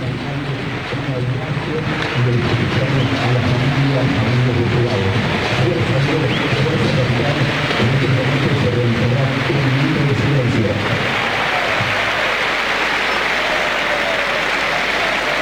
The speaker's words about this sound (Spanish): Habrá un reconocimiento en la previa, un homenaje como en cada uno de los partidos del fútbol argentino en este fin de semana por el fallecimiento de Jorge Messi, el padre de Lionel. Los aplausos son de los hinchas Independientes. Escúchalo.